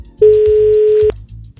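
A single outgoing-call ringing tone sounds once as a radio host phones a quiz winner: a steady, clear electronic beep lasting nearly a second, loud over a low, rhythmic music bed that continues after it stops.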